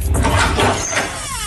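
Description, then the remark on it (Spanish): The squeaky door of a newly bought, empty refrigerator is pulled open with a dull, continuous rubbing scrape over a low rumble, ending in a faint rising squeak as it swings free. “Eso digo yo, se echan de menos una cervecita fresquita y un poco de aceite lubricante en la puerta, que chirriaba como el ataúd del Conde Drácula”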